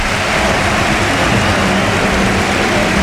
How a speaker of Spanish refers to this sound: Se va Rafinha, esta es la ovación.